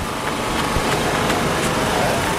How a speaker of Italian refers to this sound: Il rumore dei generatori che danno corrente e fanno girare le pale dei ventilatori è dominante.